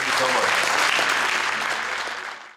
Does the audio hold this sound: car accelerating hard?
no